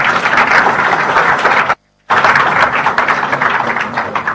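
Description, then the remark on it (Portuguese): A crowd applauds with dense, steady clapping, broken by a brief silent gap before the applause resumes at full strength. “Uma salva de palmas.”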